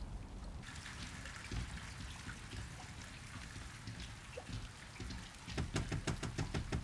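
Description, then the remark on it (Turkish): Heavy storm rain pours down in a dense, steady hiss with constant pattering, and a run of rapid rhythmic thuds breaks through toward the end. No one speaks. “Fırtınanın tam ortasındayız.”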